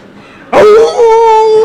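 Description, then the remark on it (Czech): A person imitates a jackal's howl: after a brief quiet moment, one loud, sustained wail bursts out and holds a steady, slightly rising pitch until the end. “Ne, to bylo správně, soudruh zavil správně, jako šakal.”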